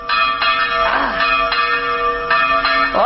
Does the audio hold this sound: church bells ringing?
yes